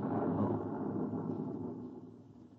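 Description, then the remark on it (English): A deep, muffled rumble from a generator explosion 3 miles away, heard through 15 feet of concrete, rolls in low and heavy, swelling briefly and then slowly fading over a couple of seconds with no voices. “You see, sir, it takes a while for the vibrations of an explosion to travel 3 miles and then reach through 15 feet of concrete.”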